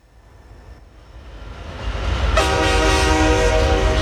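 A low rumble of a rolling train builds steadily, then a loud, sustained train horn blares over it and holds to the end, close and powerful.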